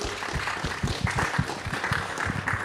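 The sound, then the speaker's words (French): A studio audience on the radio set of Normandie Connexion applauds a musician guest, many hands clapping in a dense, even patter with sharp individual claps standing out, sustained at moderate loudness throughout without any voices. “Exactement, et qu'on peut d'ailleurs accueillir ici en plateau radio et l'applaudir également, yes, s'il vous plaît.”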